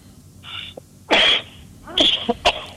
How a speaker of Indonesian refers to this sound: Nyun sewu mas, ini agak batuk tapi baik. Tak sambi batuk. Nyun sewu ini pemirsa ini agak batuk juga, tapi cuaca mungkin cuaca baru apa ini perubahan ya, baik, perubahan baik.